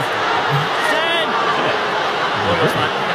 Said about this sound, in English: Crowd getting vocal.